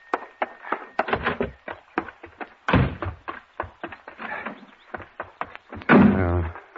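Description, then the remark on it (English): A door rattles open amid a flurry of sharp knocks and clatters, then bangs shut with a heavy thud; a voice briefly cuts in near the end. “Here's that door open. Open that door. Why didn't you have the door open?”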